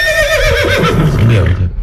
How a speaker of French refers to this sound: Ah, vous êtes un cheval!